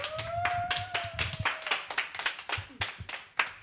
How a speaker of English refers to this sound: Okay, wow, could we get another applause, please?